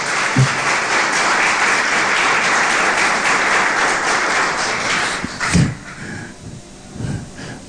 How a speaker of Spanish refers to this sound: Dale un fuerte aplauso, bien.